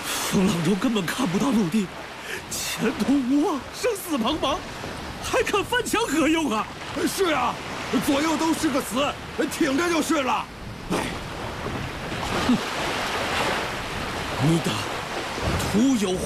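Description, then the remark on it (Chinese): Stormy sea waves surge and rush in a steady, loud wash of noise around a storm-battered sailing ship adrift at sea with no land in sight, running continuously beneath several people talking urgently over the top. “风浪中根本看不到陆地，前途无望，生死茫茫，还看翻墙何用啊？”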